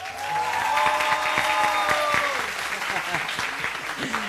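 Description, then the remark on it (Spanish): A large crowd of students at Preparatoria número 3 claps and cheers loudly during a university celebration, dense applause filling the whole stretch with sustained shouts and a high whistle-like yell riding over the clapping. “porque cuando yo diga en la preparatoria número 3, vamos a escuchar un aplauso y un grito bien fuerte, así es que preparen los oídos, prepárense allá en casa.”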